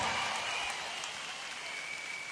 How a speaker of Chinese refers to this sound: 再次掌声，Dancers！再次掌声俾我两边，来！